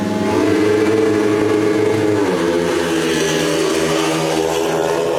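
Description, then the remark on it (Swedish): Four speedway motorcycles roar off the start together at a race in Västervik, Sweden, heading into the first bend, a dense, loud whine of high-revving engines with layered harmonics that shift in pitch as they accelerate, steady and continuous throughout. “Fyra förare i väg och in i första sväng, och där hamnar en lejonförare i luftstaketet på eget bevåg.”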